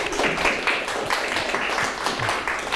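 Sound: classroom applause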